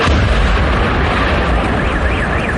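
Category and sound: impact, powerful explosion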